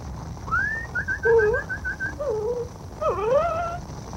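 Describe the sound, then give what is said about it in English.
A dog whimpers in a string of high, wavering whines that rise and fall over a few seconds, over a low steady rumble with no one talking. “Here, doggy. Here.”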